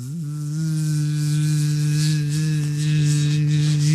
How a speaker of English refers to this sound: I don't know how the hell a gnat would be in my home.